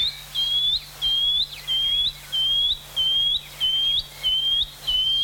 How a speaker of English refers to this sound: So there we go. If you hear that, you're listening to the shining cuckoo.